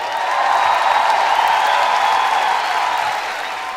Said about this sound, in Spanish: ¡Fuerte el aplauso!